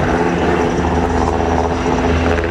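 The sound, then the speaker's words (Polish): Loud, steady roar of an S-70i military helicopter of the aviation team of military unit GROM, supporting the Formoza special group in a special forces exercise retaking a ferry, its rotors and engine droning continuously without a break. No one speaks. “W działaniach bierze udział grupa specjalna z Formosa przy wsparciu śmigłowców S-70i Zespołu Lotniczego Jednostki Wojskowej GROM.”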